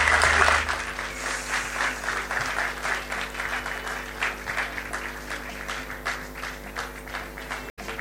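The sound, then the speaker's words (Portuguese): A concert audience applauds steadily to call the backing band onto the stage, many hands clapping in a dense, continuous patter that stays fairly even in loudness for several seconds, with a brief cut near the end. “Vamos bater palmas, people.”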